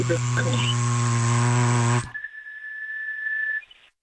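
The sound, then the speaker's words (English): A loud electric buzzer hums steadily for about two seconds with a rich, harsh drone, then cuts off, leaving a thinner, quieter steady tone that fades out. “I like the hum of the buzzer.”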